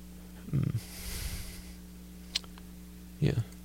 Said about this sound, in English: Actually, no, that was my mouth closed. You could probably tell because I was, like, yeah, breathing through my nose. Unless that wasn't loud enough.